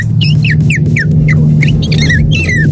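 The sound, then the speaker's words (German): A 12-year-old boy imitates a swallow's call, a quick run of bright twittering chirps and rising-falling whistles repeated almost continuously over a steady low background hum. “Wann sind die Schwalbe?”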